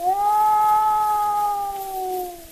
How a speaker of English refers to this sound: You're listening to The Hunting Wolves, an Edison Cylinder recording made by Ernest Thompson Seton in 1920.